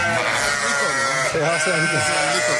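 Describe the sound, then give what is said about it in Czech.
A flock of about 400 sheep bleats loudly and continuously, many overlapping wavering cries forming a dense, noisy chorus with no pauses. “400 ovcí impulzové a teďka slyšíte, mají chuť, mají hlavu, oni dostali, že jo?”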